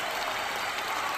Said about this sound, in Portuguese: Ah, amigo, chegou na fase de grupos da Libertadores para o Mirassol, ó. Aplausos, mais aplausos, vai.